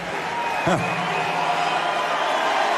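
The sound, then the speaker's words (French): A large crowd of more than 10,000 people cheers at an afternoon Jean-Luc Mélenchon rally in the packed Zénith of Clermont-Ferrand, a dense, steady roar of many voices filling the whole stretch, with a brief low thump early on. “Face à une foule incandescente, Jean-Luc Mélenchon évoque la crise des lycées.”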